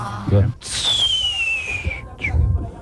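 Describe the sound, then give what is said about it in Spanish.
A whistling firework (chiflador) shrieks with a shrill, steadily falling whistle lasting about a second and a half, framed by short low thumps just before and after. “Ah, quiero un chiflador este vato.”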